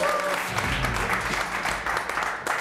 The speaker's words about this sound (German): Kleinen Applaus.